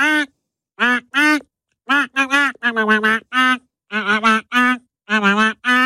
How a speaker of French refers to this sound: Nous allons pêcher notre canard. Joli canard bleu qui va nous chanter son tube en version canard. Attention, tendez bien l'oreille.